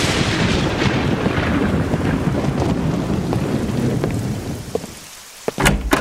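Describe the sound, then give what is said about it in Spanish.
Heavy rain pours steadily over a deep, rolling rumble of thunder, the downpour dense, easing briefly near the end before a sharp crackle returns. “De seguro debe estar intranquila con los truenos y la lluvia.”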